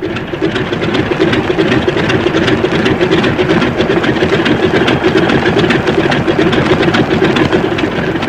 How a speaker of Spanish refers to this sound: La pequeña avioneta se estremeció cuando Calimán aumentó la presión de aceleramiento. Oprimiendo el pedal del freno, buscaba ganar la mayor potencia del aparato.